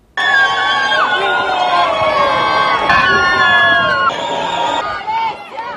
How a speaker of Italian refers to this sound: Il primo saluto da marito e moglie tra gli applausi dei presenti.